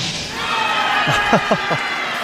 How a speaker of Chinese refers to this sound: 这声欢呼啊，是刚才德罗普金又一次秀一下自己的肱二头肌。